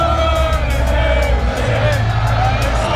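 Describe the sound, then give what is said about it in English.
Thousands of Arsenal football fans in red and white roar and cheer on Holloway Road, North London, at the Premier League victory parade, waiting for the team bus: a dense, continuous wall of voices and shouts with scattered whoops, loud throughout, with traffic rumbling low underneath. “Thousands of fans are cheering here on Holloway Road.”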